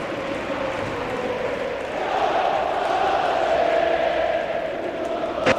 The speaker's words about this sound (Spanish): Bueno, pues el grito es claro por parte de la afición del Oviedo. Sí, yo creo que la afición ya sabe lo que quiere, que se quede.